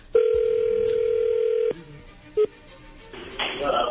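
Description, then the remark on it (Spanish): An outgoing call rings on the line: one long, steady electronic ringback tone, then silence, a single short beep, and a rise of soft noise at the end. “Bueno, entonces le va a llamar el lobo.”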